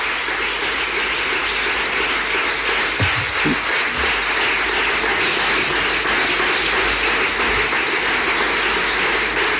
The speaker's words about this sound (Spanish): El aplauso más largo hasta ahora a Juanma Moreno